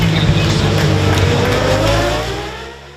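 Loud racing motorcycle engines at the Imatra races in Finland roar and rev continuously, their pitch climbing and shifting, before the sound gradually fades toward the end.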